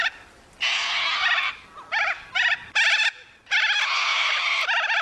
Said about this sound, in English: Any thoughts? A corella.